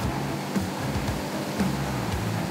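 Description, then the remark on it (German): A steady, loud rush of continuous spray from a fire truck's water cannon, being tested, runs without a break over the low hum of a running pump engine; the truck's tanks hold 12,500 litres of water and 800 litres of foam. No one speaks. “Einmal nach oben drücken, gibt der Dauerwassermarsch.”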